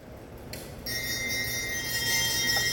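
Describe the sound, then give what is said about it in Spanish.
A church bell rings during Mass to invite the audience to communion, with bright, sustained metallic tones that swell in after a moment and keep shimmering steadily, fairly loud and with no voices. “El signo y el timbrar de la campana es la invitación para que toda la grey caminemos en fila a comer, a beber, a comulgar.”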